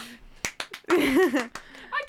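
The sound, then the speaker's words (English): A few sharp, scattered hand claps, interrupted midway by a drawn-out, wavering vocal sound, then a couple more quick claps at the end. “Clap if you care.”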